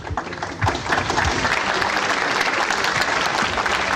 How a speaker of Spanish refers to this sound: Que se escuchen por favor más fuerte los aplausos